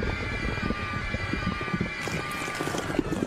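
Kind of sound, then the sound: sound effect, fart sound effect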